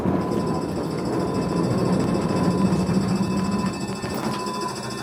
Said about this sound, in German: wie schwer sich so ein 40-Tonnen-Fahrzeug bei einer Gefahrenbremse tut